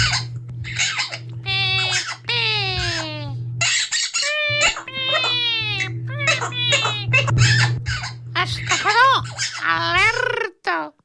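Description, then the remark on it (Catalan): Quico, a caged bird, mimics a police whistle, letting out a long run of shrill, warbling whistle bursts that sweep up and down in pitch, loud and nearly continuous over a steady low hum. “El Quico des de la gàbia imitant el soroll d'un xiulet de la policia.”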